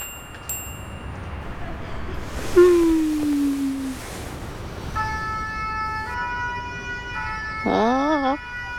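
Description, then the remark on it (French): A fire engine siren sounds in the street, with a falling tone, then steady stacked tones and a quick warbling wail near the end, fairly loud over a low rumble of traffic. “La sirène des pompiers résonne dans la rue et dans la tête de Toudou.”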